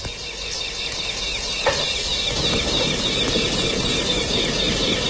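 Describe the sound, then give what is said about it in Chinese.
Large chunks of blanched pork belly sizzle in hot rapeseed oil in a clay pot, with a dense, steady hiss and fine crackling pops that swell slightly louder as it goes on. No one speaks. “你可以听一下这个滋滋滋的这个声音。”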